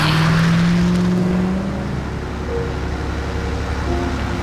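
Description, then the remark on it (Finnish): A car drives along with a steady engine drone and road rumble, fairly loud, the engine pitch holding then dropping slightly as it cruises on. “Yhtäkkiä ajomatkalla muhun iskee väsymys.”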